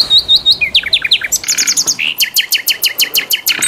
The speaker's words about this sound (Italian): adesso facciamo cantare il nostro usignolo, perché è arrivato il momento, come tutti i lunedì, di ….